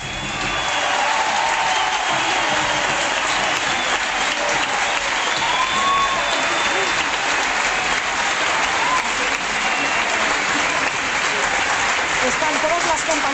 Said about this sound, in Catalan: Podem escoltar ara mateix l'última ovació del Johan Alexia. Arriba el moment del canvi.